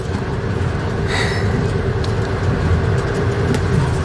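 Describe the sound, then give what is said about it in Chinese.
A fast-moving train heading back to Yulin rumbles steadily from inside the carriage, a continuous low, even drone with a brief higher hiss early on, and no voices. “这火车开得可真快。”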